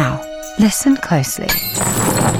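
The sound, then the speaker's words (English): A man speaks briefly, then a dense, bright cascade of coins clinking and jingling follows, a steady metallic shimmer that fills the final second. “That was the sound of your car selling and the cash hitting your account.”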